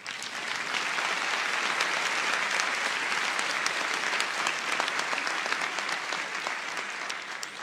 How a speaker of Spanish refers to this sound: Dele un aplauso a Dios.